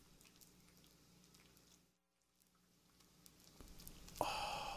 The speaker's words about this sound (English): Do you smell that? That's hickory smoked bacon sizzling on the WHRW grill.